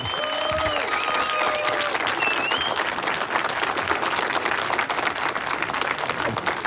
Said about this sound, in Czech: zasloužej si teda za ten výkon potom velký potlesk a pěkný přivítání od nás všech. Můžeme to teď natrénovat, zkusme, oni nás tak neuslyší, ale posluchači ano, aby věděli, jaká je tady atmosféra.